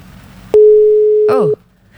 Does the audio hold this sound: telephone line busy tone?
yes